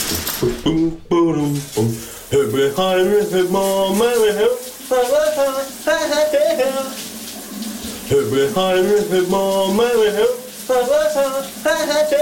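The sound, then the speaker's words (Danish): On a Monday morning, a man sings loudly and wordlessly in sustained, wavering phrases over a steady hiss of running shower water, his voice slightly muffled. “Lige nu med et brusebadshit. Kan du høre, hvad han synger her?”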